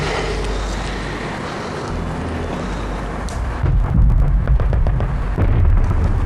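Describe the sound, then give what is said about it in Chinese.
Gunfire from a clash with Japanese soldiers breaks out after a few seconds of steady, windy rumble, with rapid repeated cracks and pops echoing over the low background noise. No one speaks. “坏了，听枪声，一定是三哥他们和鬼子干上了。”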